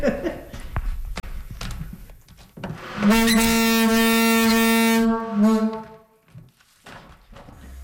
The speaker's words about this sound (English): And in St. Martin's, I got to use a very loud foghorn box. How loud is it? You want to hear it?